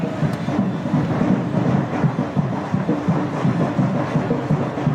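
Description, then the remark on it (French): A batucada band playing Caribbean-style percussion in a procession along a canal in Paris pounds out a steady, driving rhythm of low drums, layered over the dense, continuous roar of a huge crowd following the procession, loud and unbroken throughout. “C'est le cas de cette batucada que vous entendez derrière moi avec une foule immense qui a suivi le cortège.”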